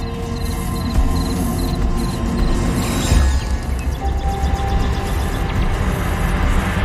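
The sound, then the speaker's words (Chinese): A cricket, caught by a female funnel-web spider, chirps in short, high-pitched repeated pulses over a dense low rumble and rustling, with a brief louder scuffle around the middle; no one speaks. “蟋蟀被俘获，落入蜘蛛黑暗潮湿的洞穴之中，它再也逃不出去了。”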